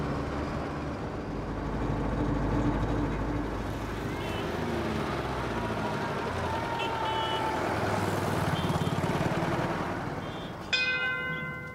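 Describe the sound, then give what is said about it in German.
A steady, low engine rumble fills a roughly 15-minute bus ride to the small neighbouring village of Bode during the Biske Jatra festival, with muffled voices faintly in the background and a bright bell-like chime ringing out near the end. “Etwa 15 Minuten mit dem Bus.”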